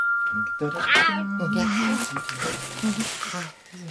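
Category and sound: animal, cat meowing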